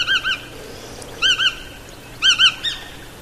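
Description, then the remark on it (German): A long-legged wading bird with dark and light grey upperparts, a white belly and a long, slightly upturned bill, a bit bigger than a blackbird, calls in three short bursts of two clear, fluting 'kluit' notes each, evenly spaced about a second apart, distinct over a quiet background. “Also es ist schon eine Erscheinung mit ihren langen Beinen. Wenn sie da so im Schlick steht, guckt man schon mal hin.”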